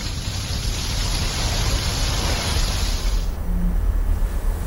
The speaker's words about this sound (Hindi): तपती गर्मी में बारिश की ये बूंदें वरदान की तरह साबित हुई हैं